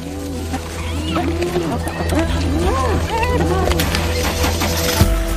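A noisy pack of spotted hyenas calling over one another, with rising and falling whooping cries and yelps repeating throughout, loud and overlapping against a steady low rumble.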